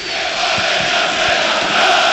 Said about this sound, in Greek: Οι φίλοι του ΠΑΟΚ, οι πιο φανατικοί, όλο και πιο δυνατά φωνάζουν.